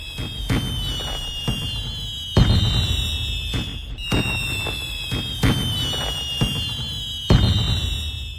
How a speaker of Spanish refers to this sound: Otros más, desde sus hogares, acompañados de mariachis, bandas, grupos musicales o una simple bocina que entonan las mañanitas en su honor, sin faltar el colorido de la pirotecnia.